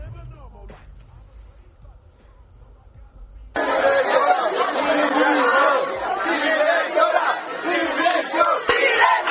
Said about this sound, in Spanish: Entonces, bueno, ella dice que tiene una razón para hacer esto, y los estudiantes se han congregado en las puertas del centro y en las puertas del despacho gritando esto.